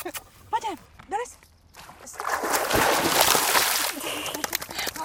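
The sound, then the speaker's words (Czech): Brief voice sounds at the start, then a steady rush of splashing and sloshing water as Bruno, a dog, is bathed in fairly clean water in Sasov, Jihlava, Czech Republic, paddling and thrashing about, continuing loudly to the end. “jsme sem přišli vykoupat jejího psa Bruna.”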